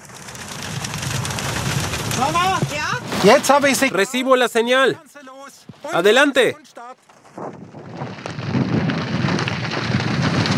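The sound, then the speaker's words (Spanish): Heavy rain from a thunderstorm pours down in a steady, dense hiss as it grows stronger and three weather balloons are launched into the storm, briefly half-hidden while someone shouts excitedly in the middle, then returning loud and unbroken at the end. “Vamos a utilizar 3 globos porque la lluvia se ha vuelto más fuerte.”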